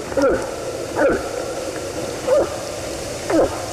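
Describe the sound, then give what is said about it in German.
A moose calls four times, each a short, hollow, gulping grunt with a wavering mid pitch, spaced about a second apart over a steady low hiss. “Ist aber ein Elch.”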